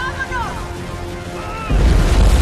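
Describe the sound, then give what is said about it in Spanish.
A snow avalanche from the mountains rumbles down toward a prison with a low, continuous roar that suddenly swells into a much louder, heavy thundering surge, while faint wavering tones drift above the rumble at first. “Una avalancha se precipita hacia la prisión.”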